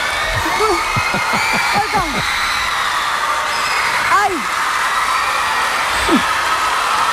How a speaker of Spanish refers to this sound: Este grito de fondo es todo el reto.